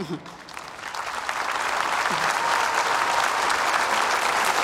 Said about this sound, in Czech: Váš potlesk patří sboru Čolak, sboru lékařů z Čech, Moravy a taky ze Slovenska. A váš potlesk si samozřejmě a nepochybně zaslouží taky olomoucký arcibiskup Josef Nuzík.